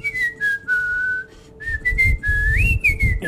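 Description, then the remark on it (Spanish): On a Globo radio show, someone whistles a short, wavering melody in a few sustained phrases, the pitch gliding up and down, fairly loud, with some low background rumble and no talking. “A ver, ¿cómo es el silbidito?”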